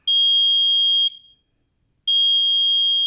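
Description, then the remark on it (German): A smoke detector alarm sounds two long, piercing high-pitched beeps, each lasting about a second with a pause between, loud with no one talking. “Ein Rauchwarnmelder schlägt Alarm, wenn er Rauch wahrnimmt.”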